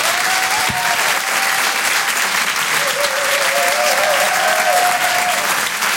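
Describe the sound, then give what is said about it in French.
A live audience at the Apollo Théâtre in Paris applauds loudly and steadily for comedian Ahmed Sparrow at the Open du Rire, with dense clapping and a few whistles and cheers rising above it throughout. “Je vous demande de faire un maximum de bruit, s'il vous plaît, pour Ahmed Sparrow.”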